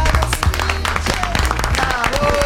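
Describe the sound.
A burst of loud applause, many hands clapping in a dense, rapid crackle that holds steady for a couple of seconds, with faint voices and cheers mixed into the din.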